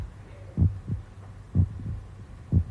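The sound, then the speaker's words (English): A child's heartbeat as heard through a stethoscope while a man examines children: deep, muffled lub-dub thumps repeating about once a second, three beats over a steady low hum, with no talking. “And he listens to our hearts.”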